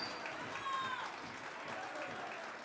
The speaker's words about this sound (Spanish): Un fuerte aplauso para el pueblo afro-boliviano.